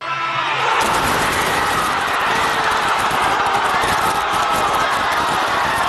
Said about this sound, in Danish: Og vi kan lige høre, hvor meget jubel finalepladsen udløste i den argentinske hovedstad Buenos Aires.